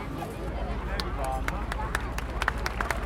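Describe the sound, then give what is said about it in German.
Scattered hand claps ring out from a gathered audience in Reutlingen at a fire brigade event, applauding a mixed group; sharp irregular claps over a steady murmur of crowd noise and indistinct voices, moderately loud. “Genau, nochmal einen herzlichen Applaus und Dankeschön an die gemischte Gruppe.”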